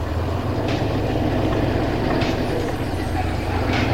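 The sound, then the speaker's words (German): A dog catcher's delivery van, loaded with dogs, starts and rolls toward a gate. Its engine rumbles low and steady throughout, with three brief hissing bursts at regular intervals over the constant drone. “Der Motor sprang an und der Lieferwagen rollte auf das Tor zu, vor dem die Kinder mit ihren Fahrrädern standen.”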